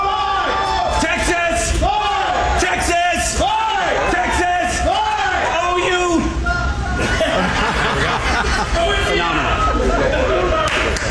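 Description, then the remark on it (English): A large crowd at the Texas state fair roars and shouts back in unison in response to a cue of "Texas!", loud, with overlapping whoops, cheers and a few laughs rising over the dense babble for several seconds. “So let me just see. I'll give you the cue. You give me a response. Texas!”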